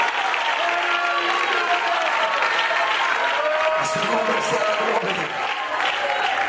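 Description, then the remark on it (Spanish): A church audience applauds the glory of God, steadily and loudly, a dense wash of many hands clapping at once, sustained without pause, with faint voices mixed in beneath the clapping. “Alguien que aplauda la gloria de Dios en esta hora.”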